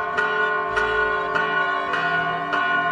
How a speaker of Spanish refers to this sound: ya es mediodía y las campanas nos invitan a detener un momento nuestras labores para hacer oración